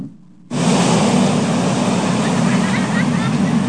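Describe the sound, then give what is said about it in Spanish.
A loud, steady roar of heavy ocean surf on a beach in Guerrero, Mexico, during a high-surf alert, cuts in abruptly after a brief quiet moment and continues without pause, thick, with a windy rushing texture. “Y recuerda que le informamos que había alerta por alto oleaje en las playas de Guerrero.”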